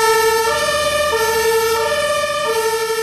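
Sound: emergency vehicle siren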